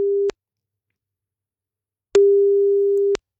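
A phone's ringback tone on an outgoing call from radio station Delta Radio to a listener: a steady mid-pitched electronic tone cuts off, and after a long silent pause one full, roughly one-second tone sounds, clear.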